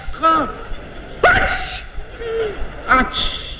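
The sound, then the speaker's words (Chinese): A man imitates how a person from Beijing sneezes: a short strained wind-up, then sharp, hissy bursts that end in a piercing high "chee" (qi) sound, loud, with brief pauses between attempts. “那我问问您呢，您比如说这北京人打喷嚏什么味儿？”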